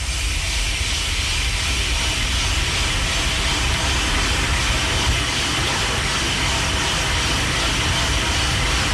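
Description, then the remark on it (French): Coffee beans crackle while roasting, a dense scatter of small pops layered over a loud, steady mechanical roar that runs unbroken for the whole stretch, with no one talking. “Alors c'est pas un feu de bois, c'est vraiment du café en train de cuire.”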